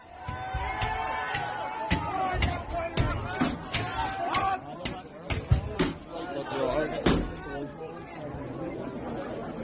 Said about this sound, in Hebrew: מה שאנחנו שומעים כאן זה את אותם מפגינים או מתפרעים, דופקים על דלתות, בועטים בהם, מנסים לפרוץ לתוך בתים